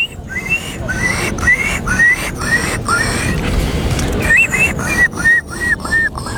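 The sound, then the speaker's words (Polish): A person whistles an imitation of a seagull call: a run of short, rising, high-pitched whistles, a brief pause, then another quick series of the same chirpy notes over a steady background hiss. “To była mewa.”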